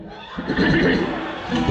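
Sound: horse neighing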